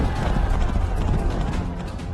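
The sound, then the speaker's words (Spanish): A loud, dense rumble of many horses galloping, with hooves clattering in a rapid, continuous barrage and no voices. “El faraón y todo su ejército, caballos, carros, jinetes y tropas egipcias salieron tras los israelitas.”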